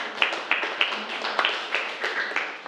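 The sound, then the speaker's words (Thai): A small group of students in a class claps for a classmate's answer in loose, uneven bursts, about nine sharp claps over a few seconds at moderate volume, with no talking. “โอเคนักเรียนถือว่าเป็นคำตอบที่ดีมากเลยครับปรบมือเพื่อนด้วยครับ”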